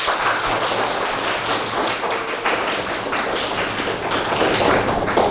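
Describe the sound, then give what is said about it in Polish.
An audience applauds steadily for several seconds to encourage the presenters, a dense, continuous patter of many hands clapping that swells slightly toward the end, with no one speaking. “Poproszę też o brawa.”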